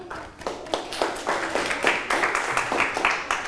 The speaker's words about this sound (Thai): ปรบมือให้กับกลุ่มที่4ค่ะ